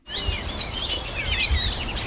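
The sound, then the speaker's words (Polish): Continuous birdsong with many overlapping chirps and warbling trills, lively, over a low rumbling outdoor background; no voices. “tego śpiewu ptaków na przykład sprzed kilkunastu choćby dni nie słychać tak głośno, ale żeby Państwu nie brakowało, to proszę bardzo.”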